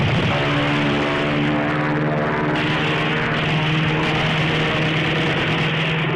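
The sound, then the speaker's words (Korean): A loud, steady propeller aircraft engine drones throughout, with a strong low hum and layered harmonic tones that shift slightly in pitch, as an enemy US warplane turns back and dives at a lone soldier firing a submachine gun from a mountaintop. No one speaks. “적기는 다시 돌아와서 고추 곽상에게 덮쳐들었다.”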